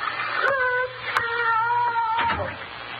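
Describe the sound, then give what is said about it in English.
A girl screams after a narcotic wore off too early: shrill, wavering wails, a short cry, then a long drawn-out scream that holds steady before sliding downward, loud and tonal with no talking. “The sound of that poor girl screaming. I couldn't stand it.”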